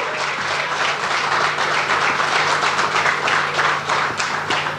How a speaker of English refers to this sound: The last time we won an individual gold medal at the Asian Games was done by a man who's sitting right here in the audience, and that person was Shiv Kapoor. Can I have a big round of applause for Shiv?